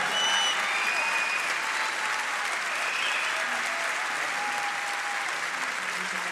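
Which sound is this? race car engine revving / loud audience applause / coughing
loud audience applause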